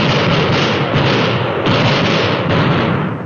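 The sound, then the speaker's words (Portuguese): A loud, sustained barrage of gunfire in a shootout between a policeman and Roque Bravo, the shots running together into a dense, crackling roar with slight surges roughly every half second; no voices. “Lá vai fogo, policial!”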